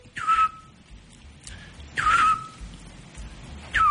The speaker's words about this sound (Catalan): I tant. És dels meus ocells preferits, sí, sí, sí. El xot.